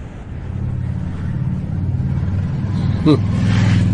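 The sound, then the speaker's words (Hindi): Several motor scooters ride past late at night, their riders wearing military uniform, with a steady, buzzing engine drone that swells gradually, the low rumble of several engines blending together, with a brief sharp rattle near the end. “इतने सारे स्कूटर सवार, वो भी इतनी रात गए?”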